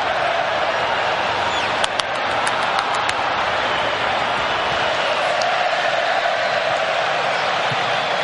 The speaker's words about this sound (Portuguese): 32 vezes, a galera grita o nome dele e o Brasil pressiona.